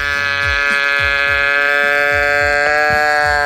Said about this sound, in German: Der irgendwie auch verdächtig nach einer Ziege klingt.